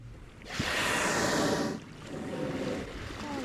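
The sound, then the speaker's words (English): Five gray whales feeding on herring eggs among kelp around a 20-foot inflatable boat in Sitka Sound in early May: a loud, breathy whoosh lasting over a second rises above lapping water, followed by softer sloshing and wind noise. No one speaks. “It's early May, and five gray whales weave between the kelp as they feed on herring eggs in the water around our 20-foot inflatable boat.”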